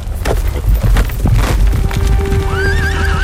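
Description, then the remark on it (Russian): A horse gallops with quick, heavy hoofbeats, then lets out a loud, wavering whinny near the end, fairly loud with no voices. It is Lermontov's swift horse carrying him away from pursuers in the Caucasus. “Только благодаря резвости своего коня Лермонтов смог уйти от погони.”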